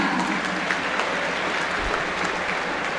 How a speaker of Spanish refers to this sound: Por el número 11, Facundo Colidio. Aplausos para Colidio, tímidos. Me sorprende.